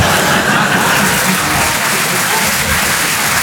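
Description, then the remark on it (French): Steady, dense clapping from a crowd fills the whole stretch at a fairly loud level, a continuous wash of applause with no pauses and no voices standing out. “Non, n'applaudis pas.”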